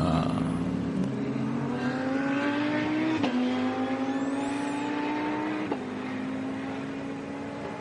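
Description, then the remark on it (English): A loud BMW race car, number 888, leading the BMW class and driven by double champion Franko Mijatovic, its engine screaming steadily, pitch climbing as it accelerates, with two sharp gear changes dropping the tone before it winds up again. No voices are heard. “But 888 is the car leading the BMW class, and it's got a double champion, Franko Mijatovic.”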